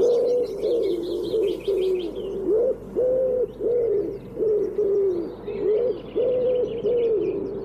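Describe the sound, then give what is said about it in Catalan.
A common wood pigeon (Columba palumbus) coos in a steady, repeated rhythm of soft, hollow phrases, clear, while smaller birds chirp faintly in the background. “Tudó, Columba palumbus. Un dels ocells més identificables que viu tot l'any als boscos i camps.”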